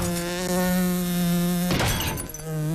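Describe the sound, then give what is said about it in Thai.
A housefly buzzes loudly in flight in a steady, droning whine, broken midway by a short burst of rough noise before the buzzing picks up again. “แล้วความลับของมันคืออะไรแปลกมากคำตอบคือเราบรรพบุรุษของแมลงวันให้ปีกมันมาถึง2คู่เช่นเดียวกับแมลงปอแมลงยุคแรกมีปีก2คู่”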